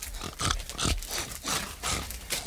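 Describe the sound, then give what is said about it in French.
Three large pigs grunt and squeal while being fed, in a noisy, overlapping burst, loud, with short rough bursts repeating every half second or so and no talking. “Juste 3 porcs. Mais ils font du bruit comme 10.”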